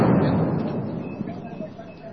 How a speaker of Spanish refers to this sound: Nos encontramos en la calle Socabaya, esquina Potosí. Todavía continúan los enfrentamientos. Ustedes podrán escuchar la detonación de los cachorros de dinamita. Es exactamente cerca al Ministerio de Trabajo, en la calle Yanacocha,